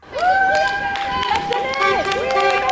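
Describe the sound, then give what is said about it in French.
Several car horns honk in support of a teachers' strike picket in front of a school in Brussels. Long, overlapping blasts with steady tones slide slightly in pitch over a loud background of crowd noise and scattered voices. “Des coups de klaxon en guise de soutien.”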